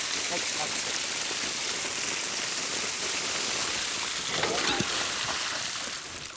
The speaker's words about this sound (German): So einen schönen Springbrunnen haben die auch noch nie gehabt.